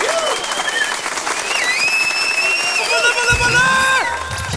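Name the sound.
applause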